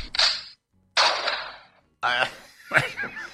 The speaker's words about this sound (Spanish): Cualquier cosa, ambos son tiros.